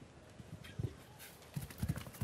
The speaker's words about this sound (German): Wissen Sie was? Ich glaube, dieses Pferd galoppiert nicht nur durch die Sörs, dieses Pferd galoppiert in unsere Herzen hier.